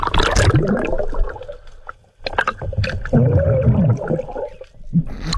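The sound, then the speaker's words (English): Muffled underwater bubbling and gurgling from a scuba diver's breathing, broken by a brief quiet pause and a few dull knocks as a sea turtle bumps and slaps against the diver. “Yeah, and he had a bit of a run-in with a sea turtle.”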